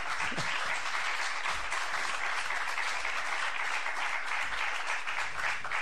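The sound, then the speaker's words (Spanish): Sustained audience applause on a programme for a departing guest: a dense, steady wash of many hands clapping at even loudness for several seconds, with no voices standing out. “Un aplauso.”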